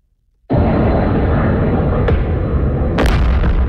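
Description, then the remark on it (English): After a moment of quiet, a heavy blast erupts into a loud, sustained roaring rumble, with two sharper cracks punching through it: explosions from missile strikes on Kyiv, Ukraine. “The sounds of missiles and explosions could be heard from NPR's Kyiv bureau for several hours”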